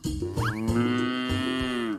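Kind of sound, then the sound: animal, cow mooing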